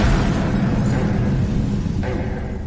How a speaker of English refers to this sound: I believe William Jarvis waited around in the neighborhood till he heard the explosion.